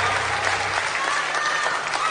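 Steady, dense applause from an audience, many hands clapping at once in a continuous crackling wash at even loudness, with no voices standing out.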